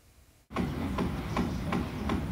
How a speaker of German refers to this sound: Da wird in diesem Altbau von einem neuen Eigentümer saniert, aber womöglich auch, um die alten Mieter loszuwerden. Ständiger Baulärm zumindest kann die Nerven mürbe machen.